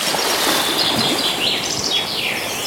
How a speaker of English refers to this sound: I love the bird song in that jingle. And you know what? Hearing the bird song around this time of year does certainly brighten my day.